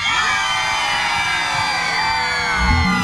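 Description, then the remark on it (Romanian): A large live audience at a Radio Aventura event in Galați, Romania, screams and cheers on cue, one section at a time: a dense wall of high-pitched shrieks and whoops that holds loud and steady for a few seconds, rising slightly at the end. “Cine-i în partea asta, țipă”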